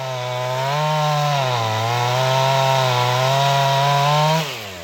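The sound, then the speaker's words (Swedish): A chainsaw runs steadily under load for about four seconds, its buzzing engine note dipping and rising as it clears fallen oak branches by an old barn on Karklö, an island in the Stockholm archipelago, then drops off abruptly at the end. No one speaks. “Vi hör här Thomas Elmqvist som med sin motorsåg röjer undan nerfallna grenar in till den gamla logen på Karklö.”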